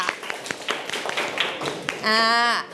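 A class claps briefly for a student in scattered, uneven claps at moderate volume, followed by a bright sustained electronic tone near the end.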